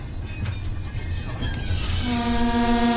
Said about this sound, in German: Vorbei geht es an zerstörten Wohngebieten. Mit 30 km/h quält sich der Zug durch die Landschaft. Immerhin, er fährt.